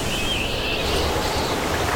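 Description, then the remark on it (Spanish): A new T-Roc self-charging hybrid car drives along a road, giving off a steady, continuous rush of tire and engine noise with a faint hissing upper band, unbroken for the whole stretch and with no voices. “Pues yo solo oigo la carretera.”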